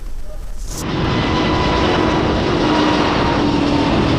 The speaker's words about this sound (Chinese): 我国自主研发的这台 F406 涡扇发动机，填补国内中小推力高端涡扇多项空白。